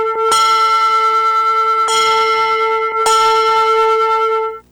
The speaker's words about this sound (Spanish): Esas campanas suenan fuerte gracias a ustedes, jóvenes, que han participado y hecho posible que lleguemos al 94%